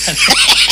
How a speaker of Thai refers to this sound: เสียงท้องร้อง